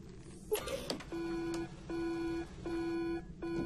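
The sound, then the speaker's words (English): A testing machine beeps in a steady repeating pattern while testing a hot sample: four sustained, buzzy tones with short gaps between them, after a brief clatter of mechanical handling. No one speaks. “My God, what's wrong with the machine? There's nothing wrong with the machine. It's a hot sample.”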